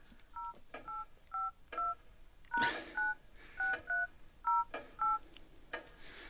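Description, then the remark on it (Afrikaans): A rapid series of about eleven cellphone keypad beeps as a PIN is entered after 11 at night, each a short dual-tone press with a faint click, tapped in quick uneven rhythm over a steady high background hiss. “Dis seker omdat jy meer as 3 keer probeer het.”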